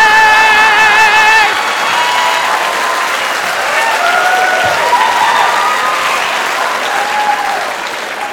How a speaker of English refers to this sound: all the ladies are gathered in the town square and they're all clapping, they're all excited